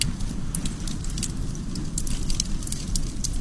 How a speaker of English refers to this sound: Well, other times, a nice campfire will do.